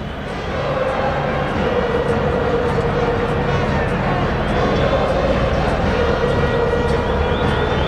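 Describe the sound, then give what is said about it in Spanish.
Belgrano football fans chanting together in a stadium, celebrating on a Sunday evening, a loud, sustained mass of voices holding a steady, sung pitch, with a dense roar of crowd noise underneath that never lets up. “Este es el grito, escuchen, de la hinchada celeste.”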